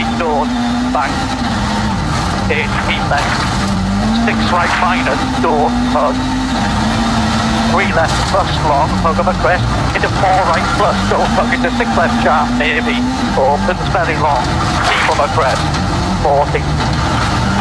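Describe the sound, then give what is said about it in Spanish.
Onboard engine of Elfyn Evans's rally car racing hard on the fourth stage, its loud roar rising and dropping with repeated gear changes and bursts of throttle for the whole stretch, with voices partly buried beneath it. “Escuchamos, nos subimos arriba del auto de Elfyn Evans.”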